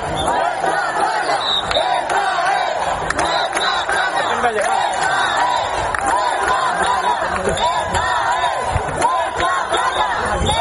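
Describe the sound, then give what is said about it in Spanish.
A large crowd of citizens in Ceuta shouts the protest chant "Ceuta se defiende" together, many voices blending into a loud, continuous roar with rhythmic surges of yelling throughout. “Ciudadanos que se unían al grito de Ceuta se defiende y que al final irrumpieron en la playa para acabar con las chozas de estos migrantes ilegales a eso de la medianoche.”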